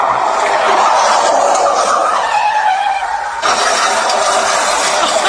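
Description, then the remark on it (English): A loud, continuous car sound effect played by a woman at a computer, with a revving engine and screeching tire skids, the pitch sliding and wavering before a brief dip and renewed screech, no voices present. “Let me just pull over because I'm driving”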